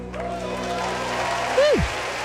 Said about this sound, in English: Whenever I hear that applause, I just feel like I'm at a live concert, just all the time.